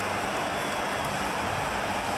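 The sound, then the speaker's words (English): A big stadium crowd at a football match roars in sustained cheering after Nick Dacos scores the winning goal, a dense, loud wash of noise that holds steady throughout with no distinct voices standing out, as the cheer squad at the City End waves flags. “And the crowd erupts.”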